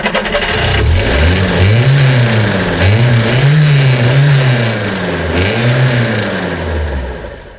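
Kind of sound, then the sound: vehicle, car engine revving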